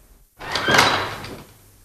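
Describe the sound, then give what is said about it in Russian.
An unlocked door is pushed open with a single rough creaking scrape lasting about a second, rising quickly and then fading into quiet. No one speaks. “Дверь толкни.”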